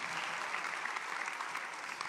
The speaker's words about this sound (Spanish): Alguien tiene que gritar un fuerte amén y aplaudir el nombre del Dios que cuida de nosotros.